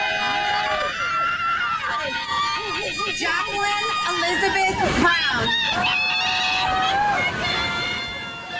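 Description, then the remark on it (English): Heavy rain pours down in a steady, dense hiss on a football field during an outdoor high school graduation ceremony at Centennial High School in Franklin, Williamson County, Tennessee, as graduates walk the stage and an announcer's voice over a loudspeaker reads out names, with faint crowd noise in the background. “Graduates at Centennial High School in Williamson County, Franklin, walks the stage in heavy pouring rain on a football field”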